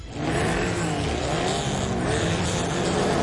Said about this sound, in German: Wenn heute Mittag in Neuruppin Motoren aufheulen, Reifen quietschen und Staub durch die Luft fliegt, dann ist wieder Fontane Rally.